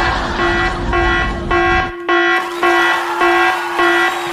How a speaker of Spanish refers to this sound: Me encanta cuando suena esa alarma y llega usted.